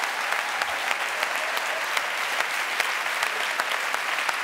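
Steady applause from an audience of many educators for a young man called to the front, a dense wash of many hands clapping at a constant moderate level with sharper individual claps popping out, no voices audible.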